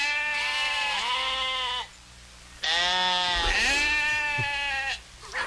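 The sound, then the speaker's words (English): A person imitates a goat with two long, loud, quavering bleats, each nearly two seconds, separated by a brief pause. “He's Goat Boy. Goat Boy. Is that a goat or sheep?”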